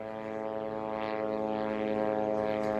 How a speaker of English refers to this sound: Well, these strikes are terrifying, just like the sound of the buzzing drone above the sky of the Gaza Strip.